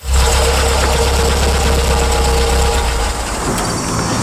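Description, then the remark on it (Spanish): A steady, loud engine drone with deep low rumble fills the interior of a moving car, a continuous hum with faint rattling vibration and no voices. “Me gustaría que, mientras estamos montados en este coche, lo primero me describas esta foto.”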